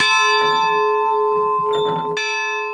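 A church bell up in a church tower, rung by visitors in turn, rings loud, its sustained metallic tone humming steadily with rich overtones, while faint shuffling and knocking sounds occur beneath the ringing.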